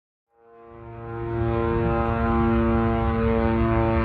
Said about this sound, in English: You know, the second you get in, you hear the drones. They sound like a lawnmower, and they don't stop for the entire couple of weeks that I was there until you leave. So just hearing the drones overhead the entire time,